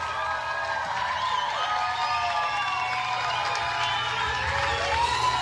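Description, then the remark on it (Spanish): A concert crowd applauds and cheers steadily as a performer is invited to the front of the stage, with high shouts and whoops rising above a dense wash of clapping; the noise stays loud and constant throughout. “Bueno, con este aplauso quiero invitar a … que pase aquí al frente del escenario con ustedes.”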